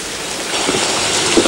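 Steady rain from persistent rainy weather falls outside with a dense, even hiss and scattered drops pattering on a surface, fairly loud, with no voices.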